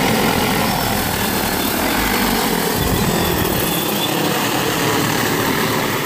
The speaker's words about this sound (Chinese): 今年刚引进了无人机喂虾，这一下就让养虾效率翻了好几番。